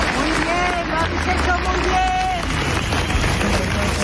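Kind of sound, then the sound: crowd, crowd applauding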